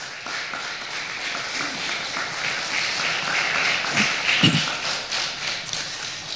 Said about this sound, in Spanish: ¿Cuánto dicen gloria a Dios? Se merece un aplauso el Señor.